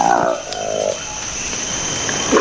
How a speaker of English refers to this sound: This is the remarkable sound of a newly discovered monkey in the Democratic Republic of the Congo. It's called the Likweli monkey. Its distinctive feature, apart from the curious noise it makes, is its bright orange lips framed by a furry black face.